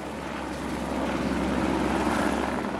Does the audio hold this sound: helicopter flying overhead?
yes